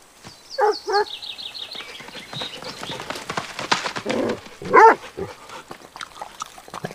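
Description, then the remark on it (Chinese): A small dog gives a few short, sharp yips and barks in quick bursts as it is handed over to be held, with rustling and handling noises in between and birds faintly chirping in the background. “他来了，那只狗。”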